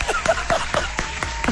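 An applause sound effect, played by the host from a sound-effects shortcut, heard as a run of about seven sharp claps on a steady beat. It is moderately loud, with faint tonal vocal sounds drifting underneath.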